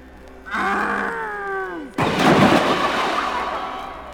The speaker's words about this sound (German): Ah. Habt ihr es gesehen? Der Wolf ist in den Brunnen gefallen. Ja, er ist in den Brunnen gefallen.